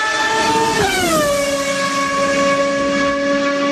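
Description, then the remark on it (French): A Ferrari sports car engine screams at high revs in a loud, sustained tonal whine; its pitch drops sharply after about a second, then holds steady, with no voices. “Et vous avez raison parce que ce sont trois Ferrari, donc dans tous les coups, on gagne”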